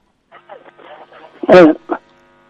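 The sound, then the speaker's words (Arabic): A radio plays in the caller's background on a phone line, its tinny, narrowband voices muffled and echoing, with one louder burst of speech near the end. “خفض صوت الراديو، اسمعنا من التليفون لو سمحت.”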